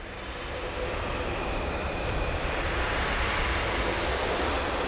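Brass players blow air through their instruments without sounding a note, making a steady, breathy rushing hiss that swells slightly and holds at a fairly loud level throughout.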